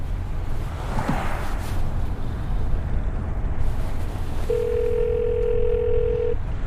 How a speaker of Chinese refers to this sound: 谭处，您手机刚刚一直在震。